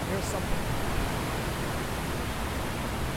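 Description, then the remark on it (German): A steady, continuous rush of water falling down all sides into a deep square memorial pool at the former World Trade Center site, a broad even roar that neither swells nor fades, with no voices over it. “Wasser fällt an allen Seiten nach unten in ein tiefes Becken.”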